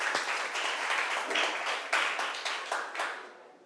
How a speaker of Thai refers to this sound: คุณครูขอเสียงปรบมือให้ตัวแทนนักเรียนทั้งสองท่านอีกครั้งหนึ่งค่ะ